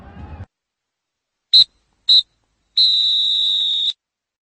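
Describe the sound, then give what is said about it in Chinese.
A referee's final whistle sounds three shrill, high-pitched blasts: two short toots in quick succession, then one long sustained blast, following a brief burst of noise at the start. It ends the final of the first Northeast Super League (Dongbei Chao) amateur football tournament, won by Changchun, before 63,259 spectators in a stadium surrounded by sea on three sides. “三声哨响啊！”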